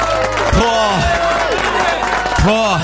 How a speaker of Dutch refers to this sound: Maar even een applaus voor alle moeders, man.